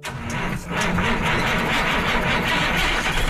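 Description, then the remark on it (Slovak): A street sweeper's engine runs steadily late at night, a continuous loud rumble mixed with a broad whooshing hiss, briefly dipping near the start before carrying on without pause, as the municipal technical services vehicle slowly cleans roads and sidewalks with a soft brush, street by street. “ich auto jemnou kefou čistí cesty a chodníky.”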